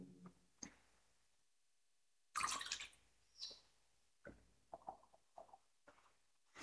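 A brief splash of water poured into a chalice of wine during a church service, then a few small, scattered drips and clinks. Quiet, with no talking.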